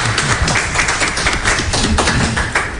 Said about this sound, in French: Donc, le chef de délégation, DJ AC. On applaudit pour DJ AC.